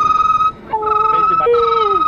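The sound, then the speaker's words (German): A telephone rings as a call is being placed, with a steady, high electronic tone that breaks off briefly and resumes, while a lower tone slides downward beneath it in two long sweeps. “Ah, wir hören es bis hierher klingeln.”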